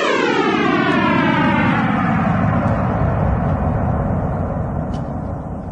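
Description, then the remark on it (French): A sonification of the Big Bang, starting at the Planck wall, 10^-43 seconds after time zero, 13.7 billion years ago: a loud, steady roar of rumbling noise with layered tones gliding slowly downward in pitch, like a passing jet, easing off slightly at the end. No voices. “ça commence au mur de Planck, c'est-à-dire 10 puissance moins 43 secondes après le temps zéro, c'est-à-dire le début du Big Bang.”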